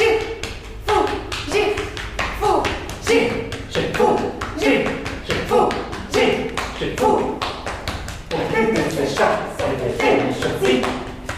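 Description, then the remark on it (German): Steady rhythmic tapping and soft thumps of two performers patting each other's backs run throughout, in a performance of a work by Georges Apergis, while they chant quick syllables of an invented language in a bouncy pattern, fairly loud. “Sie klopfen sich gegenseitig auf den Rücken und unterhalten sich mit rhythmisierten Silben auf einer Fantasiesprache.”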